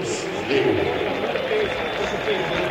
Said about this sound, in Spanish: Algunos aplausos. Hay un aplauso respetuoso en todo el estadio para la memoria de Jorge.